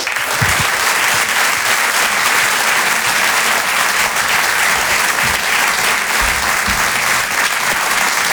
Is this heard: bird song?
no